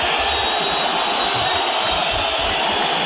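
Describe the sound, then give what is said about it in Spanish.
A packed stadium crowd whistles and boos at their team after a historic defeat in one dense, unbroken roar, a thin high whistle line riding over the steady wall of jeering for the full three seconds, with no talk over it. “Silbidos, reprobaciones, mucha calentura, la derrota es histórica, el equipo fue un desastre, se derrumbó.”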